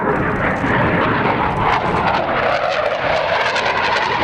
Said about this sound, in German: Ja, falls ihr heute mal ein extrem lautes Donnern hört und ihr weit und breit keinen Regen seht, dann war es wahrscheinlich ein Eurofighter.